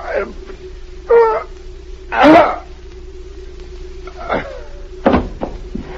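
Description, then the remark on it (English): A poisoned man chokes and groans in a few strained bursts, then his body thumps to the floor as he tumbles off a chair, over a steady low electrical hum. “he's fallen off the chair.”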